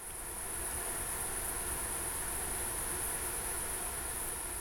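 A dense, unbroken buzzing from a large swarm of male insects fills the scene, steady and high-pitched with a constant shimmer, holding the same moderate level throughout with no voices.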